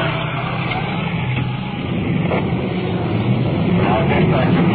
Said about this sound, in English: Well, we can hear their sirens, so we'll just stand by. We've pulled over the curb to allow a big pumper truck to roll past us. They're rolling full through.